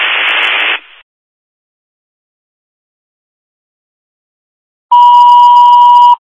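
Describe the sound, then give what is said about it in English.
A short burst of radio static cuts off into silence, then a loud, steady electronic alert tone sounds for over a second: Mohawk second dispatch tones for a fire alarm, a smoke detector activation at 128 Henman Road, town of German Flats, with no talking. “Repeating, Mohawk, second tones, fire alarm, 128 Henman Road, town of German Flats, for fire smoke detector activation.”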